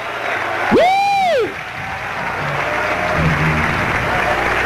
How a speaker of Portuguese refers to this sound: ¡Hazle un aplauso fuerte a la gloria de Dios!